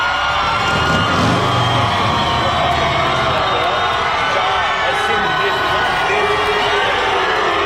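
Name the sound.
fans shouting and cheering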